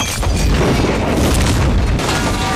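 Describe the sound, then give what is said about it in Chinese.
A loud bomb blast with a deep, rumbling boom that rolls on continuously, heavy low-end roar filling the whole stretch with no speech. “这个炸弹只是一个警告，是警告你，他能接近你。”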